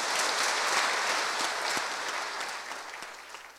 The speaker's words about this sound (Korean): 현사님께서 원창학원 이사장으로 봉직하면서 미래의 동량인 인재 양성과 청소년교화에 힘써주시기를 바라는 간절한 마음을 담아 힘찬 박수로 맞이해 주시면 고맙겠습니다.